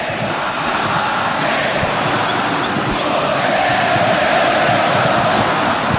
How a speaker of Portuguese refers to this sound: Aqui ele está fazendo 6 num jogo só, no Maracanã, lotado. E a torcida cantando, ó.